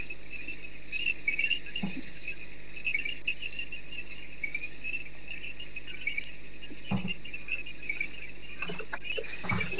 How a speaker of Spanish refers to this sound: Las ranitas están de parabienes, pero siempre son lindas, ¿eh? Sí. A mí me encanta. Las ranitas, los grillos.